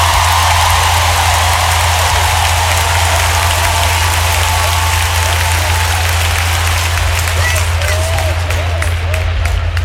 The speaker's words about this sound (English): All the needy people, clap your hands.